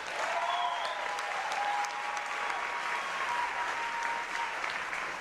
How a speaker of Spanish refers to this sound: Aplauso para Puerto Rico.